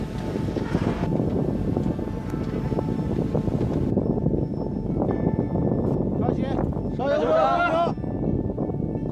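Strong wind roars and buffets steadily throughout, high on a bridge as a bridge inspection team climbs the access steps, a dense, loud rush with no letup, while brief voices or the team's heavy breaths surface faintly near the end.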